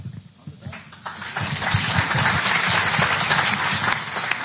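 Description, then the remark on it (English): A candidates' debate audience applauds, swelling after a quieter start into a dense, steady roar of many hands clapping that holds loudly to the end, with faint voices mixed underneath. “Okay, that's the last time I'm going to allow you to applause.”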